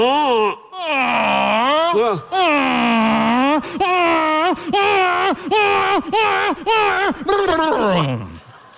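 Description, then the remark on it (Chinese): A man's voice imitates a donkey's bray, a loud, strained call that rises and falls in a long series of rhythmic hee-haw pulses before sliding down at the end. “这倒不错，诸葛亮骑着驴来的啊！”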